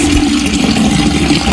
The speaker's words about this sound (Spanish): Vas al médico, señor, ¿no ve que está goteando?